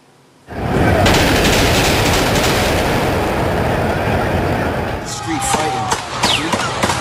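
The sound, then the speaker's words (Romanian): A rapid volley of sharp gunshots rings out amid loud crowd commotion in Times Square, New York, followed by a few scattered cracks as voices shout in the background; the shooting arose from a dispute involving many young people. “Mai multe focuri de armă s-au auzit în Times Square din New York”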